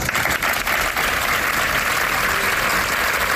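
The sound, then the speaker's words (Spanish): Sustained applause from workers of a social centre in Málaga, Spain, bidding someone farewell; dense and steady clapping filling the space, with no voices rising above it. “Era el aplauso con el que le han despedido sus trabajadores del Centro Social San Juan de Dios de la capital malagueña.”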